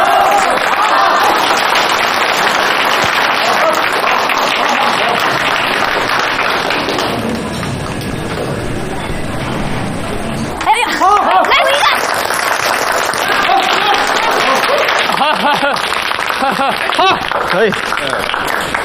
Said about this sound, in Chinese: 鼓掌